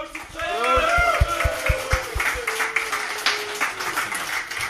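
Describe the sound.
A crowd at a cycling event claps and cheers following a toast, with quick overlapping claps and raised voices whooping for a few seconds before settling into a looser patter of scattered applause.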